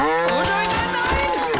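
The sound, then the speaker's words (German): A cow moos in one long, loud, drawn-out call, heard on its own with no talking. “Sich für Milchprodukte eine eigene Kuh in der Einzimmerwohnung halten?”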